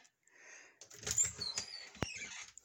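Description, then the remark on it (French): A wardrobe door opens with a drawn-out creak and rattle, then two sharp clicks of the latch or door knocking into place, no voices. “Là, j'ouvre la porte de mon garde-robe, c'est pas parce que je vais m'installer dedans, là.”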